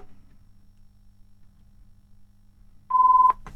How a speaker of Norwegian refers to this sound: Og der ringer det. Ja, der ringer det, ja.